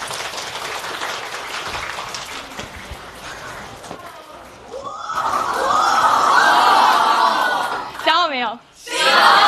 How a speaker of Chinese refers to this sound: 今天咱们班来了一位老朋友，大家好不好奇是谁呀？ 好奇。 我们掌声把他欢迎出来吧。